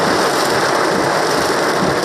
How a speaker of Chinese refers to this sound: 昨天，香港多区出现大雨。有行车记录仪拍摄到港珠澳大桥上闪电连连。在港岛区，没有带雨伞的路人被淋得措手不及。